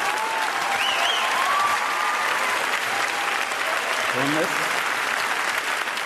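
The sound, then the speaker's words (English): A live audience claps steadily for several seconds, a dense, even wash of applause with a few faint whistles and cheers rising above it. “Applause break number 2.”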